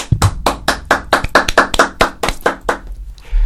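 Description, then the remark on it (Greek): Steady hand clapping, roughly a dozen sharp claps in an even rhythm, loud and crisp with no voices over them, ending in a brief low rumble. “Χειροκροτηθείτε μόνοι σας.”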